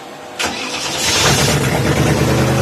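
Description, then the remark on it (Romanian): A 350-horsepower car engine cranks and fires up with a sudden loud burst, then settles into a deep, steady rumbling idle. “Cam așa pornește această mașină și trebuie să vă arăt cum anume se aud acești 350 de cai putere în acest moment.”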